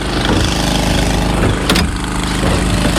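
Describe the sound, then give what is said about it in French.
A water pump engine runs steadily with a loud, continuous low-pitched drone and a dense rattling hum, pumping water from tanks into the firefighters' pool at a fire in dry shrubland. One brief burst of hiss cuts through near the middle. “On pompe l'eau, on transfère des cuves pour la piscine des pompiers.”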